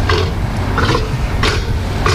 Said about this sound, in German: Ein patagonischer Seelöwe, eine Mähnenrobbe. Die Robben mit der Löwenmähne, ja, da hätten wir drauf kommen können tatsächlich. Die machen ja putzige Geräusche hier.